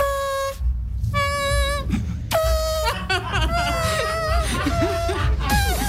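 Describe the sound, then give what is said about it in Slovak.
Someone imitates a trumpet with their mouth alone, without a trumpet, while being taught to play it at the Livestream Festival, buzzing a series of loud, brassy held notes with short gaps, then a wavering, bending run of tones before one final sustained blast. “Jediný zádrhel, ktorý sa v rámci tejto aktivity vyskytol, bol ten, že bez trúbky to bolo celé. Len ústami.”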